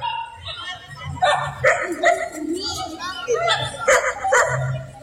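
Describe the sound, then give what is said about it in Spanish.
Dogs bark in a quick, uneven series of sharp yaps and woofs, loud, with some whimpering and voices murmuring in the background. “Así como están los perros.”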